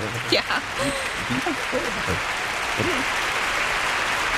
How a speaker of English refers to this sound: Yay! Hold on. Yay! Is it playing? Is the applause playing?